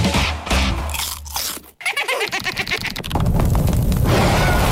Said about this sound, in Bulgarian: Откри го петиот елемент, вистинскиот вкус и кранч на чипс, добиен без пражење и изгрицкан без грижа на совест. Нов Виталија Елементс Air Pop Chips. Здраво, крцкаво задоволство.